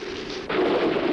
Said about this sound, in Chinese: 哟，打雷了。